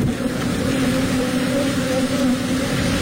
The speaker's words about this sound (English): It overturned. It was carrying millions of bees. In fact, 2 million bees, according to the authorities there. This is a recording that was taken. This is the actual sound of the bees at the scene.